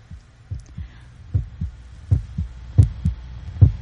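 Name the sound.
pounding heartbeat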